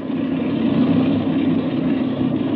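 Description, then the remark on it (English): A steady, continuous airplane engine drone idles at a constant level as it warms up with the throttle cracked open a little, a dense low rumble with no change in pitch or rhythm. “Now then, Chuck, while the engine's warming up, I want to give you some instructions.”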